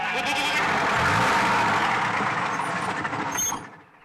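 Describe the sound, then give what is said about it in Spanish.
At the start of a film, an unseen flock of sheep bleats in a dense, overlapping chorus, loud and continuous, over the low engine rumble of an approaching bus, before the sound fades out near the end as the bus stops. No one speaks. “cuando empieza la película se oye un rebaño que no aparece en ningún momento y que coincide con la aproximación de esa furgoneta donde viene Canibel, el personaje protagonista, y que cuando esa furgoneta para, o sea, ese autobús para, el rebaño para.”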